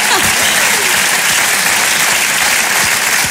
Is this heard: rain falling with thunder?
no